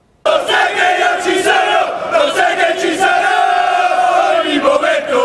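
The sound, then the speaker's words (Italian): A large crowd of Martina Calcio football ultras from the Curva Nord chants loudly in unison, a dense, sustained roar of many voices with a steady sung melody and occasional rhythmic surges, beginning abruptly after a brief silence, during a procession from Piazza 20 Settembre to the Basilica di San Martino in the town centre. “Le voci degli ultras e i colori biancazzurri hanno accompagnato la squadra nel cuore della città.”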